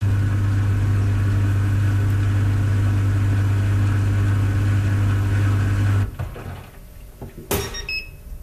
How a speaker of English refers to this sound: European small dryer with some confusion. Yeah. Okay, let's listen to that because now I'm really curious what this dryer sounds like.